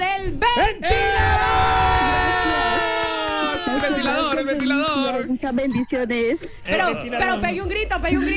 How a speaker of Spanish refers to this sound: Pero pegue un grito, pegue un grito o algo. Ya gritó, ¿eh?